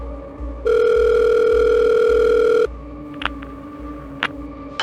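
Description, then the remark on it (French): A telephone rings once with a steady, buzzy electronic tone lasting about two seconds, over a low rhythmic pulsing beat, followed by a few soft clicks, as a young woman's call comes in to the Montpellier police services. No one speaks. “Les services de police de Montpellier vont recevoir un appel téléphonique d'une jeune femme qui indique qu'elle a reçu des appels désespérés de sa sœur, disant qu'elle avait été enlevée et qu'elle était séquestrée dans le coffre d'une voiture.”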